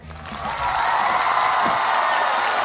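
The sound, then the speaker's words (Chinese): Sustained audience applause fills the space at a China Media Group opera fans' event, welcoming Huai opera artist Chen Chen: a dense wash of many hands clapping that swells in over the first half second and then holds steady and loud without any talking. “现在是何柴站的城市巡音活动，接下来让我们用最热烈的掌声有请淮剧名家陈晨老师。”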